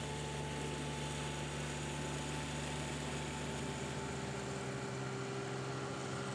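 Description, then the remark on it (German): Lawnmowers run continuously as 25 groundskeeping staff mow golf course fairways in winter: a steady motor drone with a constant pitch and a high whine layered on top, without pause, with no voices present. “Auch im Winter rücken die 25 Mitarbeiter mit ihren Rasenmähern aus.”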